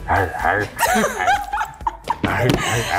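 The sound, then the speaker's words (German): A man makes short, sharp barking sounds in imitation of a dog, several yips in quick bursts, mixed with laughter and vocal noise. “wie er bellt, weil eine Frau meinte, sie steht auf Rollenspieler.”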